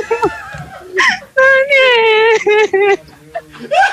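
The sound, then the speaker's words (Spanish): A person wails and sobs loudly, with long, quavering, high-pitched cries broken by short gasping breaths. “¡Otra vez estoy llorando!”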